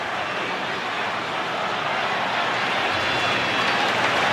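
A Texas A&M football crowd in College Station, Texas, roars and cheers after an Aggies touchdown against Kentucky, a steady, dense wash of noise that swells slightly louder toward the end, with scattered clapping mixed in and no clear voices.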